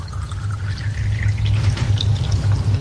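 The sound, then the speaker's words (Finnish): Water pours steadily into an empty container, a continuous splashing gurgle with a low hollow resonance that rises slightly in pitch as the vessel fills, fairly loud with no talking. “Mutta sitten kun se on täynnä, niin se alkaa valua yli, eikä niin.”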